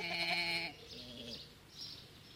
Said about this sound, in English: those are sheep, aren't they? Yes, yes, I thought they were. Only, why are they up in the trees?